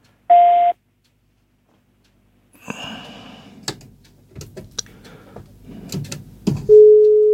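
A short electronic telephone tone, then several seconds of clicks and line rustle, and a second steady tone at a lower pitch starting near the end, like a busy signal after a caller's line is cut off.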